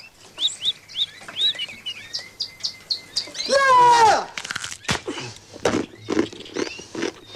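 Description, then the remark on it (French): Birds chirp in quick, repeated bursts, then one lets out a louder, drawn-out squawking call before the rapid chirping resumes, fairly loud throughout. “C'est embêtant dans les oiseaux, c'est les becs.”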